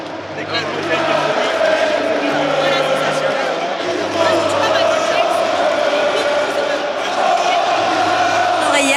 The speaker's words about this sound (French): Elle est en train de s'équiper forcément, elle aussi, elle avait envie de vibrer avec ce stade, avec cette foule.